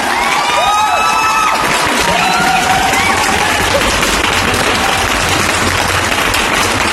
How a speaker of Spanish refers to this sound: Así que un fuerte aplauso. A ver, por favor, una fuerte palma.